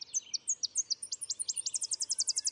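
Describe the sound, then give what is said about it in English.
A Tennessee warbler sings clear: a string of high, sharp chips that speed up and finish in a rapid, even trill, with no other sounds around it. “When there's a budworm outbreak, Tennessee warblers eat almost nothing else.”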